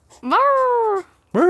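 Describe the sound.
A person imitates a raccoon with a drawn-out, dog-like whining yowl that rises then holds steady, followed by the start of a second loud call.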